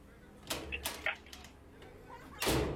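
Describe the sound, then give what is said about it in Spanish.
A few sharp knocks on a door, three quick raps in an uneven rhythm, followed by a longer, louder bump or rattle near the end, with faint background noise throughout. “¿Quién toca la puerta?”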